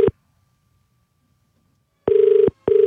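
An outgoing call's ringback tone: a steady electronic purr in the double-ring pattern, one tail end, a long pause, then two short bursts close together, loud and clear with no voices.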